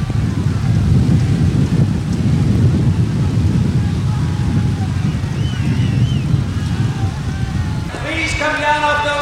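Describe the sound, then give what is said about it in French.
Thunder rumbles heavily and continuously over a concert crowd, a loud, deep roar filling the whole stretch, with a brief tonal, voice-like sound cutting in near the end as organizers make announcements. “Tandis que le tonnerre gronde, les annonces des organisateurs se font plus pressantes.”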